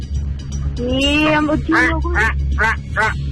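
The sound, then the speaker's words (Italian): A crow-cawing buzzer sound effect signalling the crow team buzzing in during a quiz game: a rising call followed by three or four harsh, raspy caws in quick succession, loud, over a steady low hum. “La cornacchia.”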